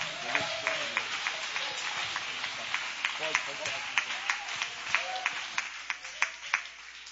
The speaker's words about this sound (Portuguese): Receba o homem de Deus com palma e glória para Jesus.